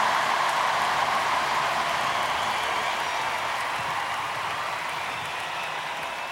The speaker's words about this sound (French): D'ailleurs, je voudrais en profiter, puisque vous avez envie d'applaudir, on peut applaudir une fois, et je vous demande d'applaudir la chorale qui a travaillé depuis plusieurs semaines.